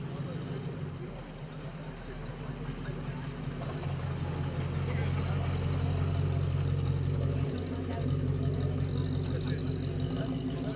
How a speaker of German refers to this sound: mit dem DKW aus Zschopau, der mit seinem kleinen Zweizylinder-Zweitaktmotor dahin tuckert.